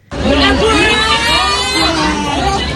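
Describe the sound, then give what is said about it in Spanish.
A loud crowd of students at the Lycée Gutenberg in Créteil, on the outskirts of Paris, France, shouts and chants together at a protest during a day of blockades and demonstrations, many overlapping voices rising and falling in a steady, continuous roar with no pause for the whole stretch. “Gritos, cantos y sobre todo una protesta común.”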